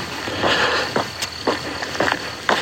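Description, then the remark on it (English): Steady footsteps of a person walking at an even pace toward a monastery chapel in the early morning before vigil, each step a soft crunching thud about every half second, over a quiet, hissy outdoor background with no one talking. “In fact, I've heard almost nothing except my footsteps until just now.”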